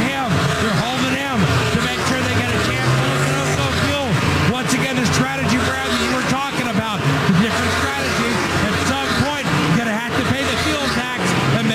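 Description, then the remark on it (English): Several race car engines rev and accelerate one after another as the cars leave pit lane in a line, their pitch sweeping up and down in a continuous loud roar, with a voice talking over the engine noise. “Defending winner Bubba Wallace on and off pit lane. In fact, it's a train of cars leaving.”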